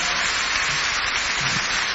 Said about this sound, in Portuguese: Então eu vou chamar ao palco, com um enorme aplauso da vossa parte, essa mesma velhota, César Mourão.